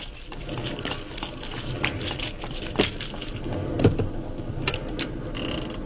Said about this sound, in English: Good Lord, it's pelting with rain. Yeah, let's make a dash for it.